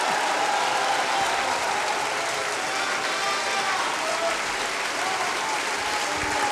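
Sustained applause from an opera audience for Piero Pretti, a dense, steady clatter of many hands clapping at even loudness throughout, with faint crowd murmur underneath and no clear voices.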